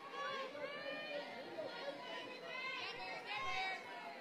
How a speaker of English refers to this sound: The crowd out in the grass area beyond the outfield walls has continued to grow throughout this day.